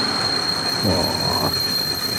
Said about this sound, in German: Ein bremsender Zug. Da wünschte man sich... Der Zug hat keine Bremse, oder?